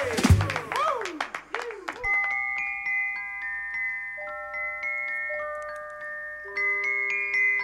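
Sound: round of applause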